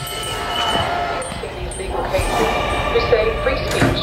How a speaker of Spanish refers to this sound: Estamos escuchando el audio de una campaña de Greenpeace. Ese sonido metálico de afilar, en realidad es Javier Bardem afilando unas tijeras.